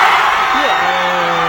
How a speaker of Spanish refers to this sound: Sí, hubo más unanimidad a la hora de gritar ahí todos juntos cuando ya los futbolistas en el terreno de juego se abrazaron. En fin, ambientazo en la Plaza Roja,